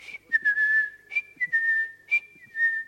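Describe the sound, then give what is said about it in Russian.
A person whistles a short tune, clear steady tones with small pitch slides, repeated in three similar phrases, with no talking. “Сказал, что сейчас вернется, он свистит вот так.”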